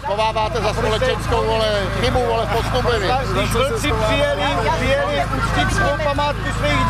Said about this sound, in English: A small but very vocal group of protesters are shouting at some of the participants gathering